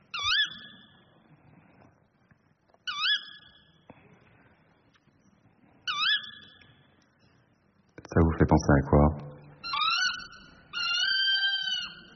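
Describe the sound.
A tawny owl gives three sharp, high, shrill calls, each a quick upward-then-downward squawk, spaced about three seconds apart. A voice then speaks briefly after the last call.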